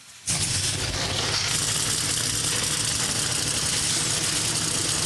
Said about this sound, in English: Command to fire engines has been given. The cars come alive down trackside. The New Way 225 for the NASCAR O'Reilly Auto Parts Series is about to go green.